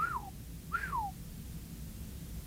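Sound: wolf whistle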